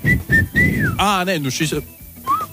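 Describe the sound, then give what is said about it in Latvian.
A person whistles a short run of clear notes, ending in a falling glide, then a brief voiced exclamation cuts in before one last soft whistled note, fairly loud. “Es varu tikai uz iekšu. Uz iekšu. Kurš uz iekšu svilpot?”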